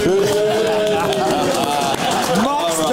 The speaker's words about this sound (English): Much better. Yeah, they step that booing up.